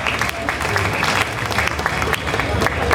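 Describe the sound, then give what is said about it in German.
An audience applauds steadily, a dense, even wash of many hands clapping at a fairly loud, constant level for the full three seconds, with no clear pauses, during a speech on a survey showing 88% think folk festivals still fit modern times. “Und auch die Frage, ja, gerne Applaus, da haben wir immerhin nur 12, die es nicht finden.”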